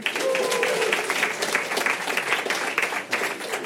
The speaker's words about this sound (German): Und jetzt könnt ihr abstimmen, dick oder verrückt. Dick ist der Nachtisch, verrückt ist das Katzenfutter. Wer denkt, es ist am Nachtisch gescheitert, klatschen bitte.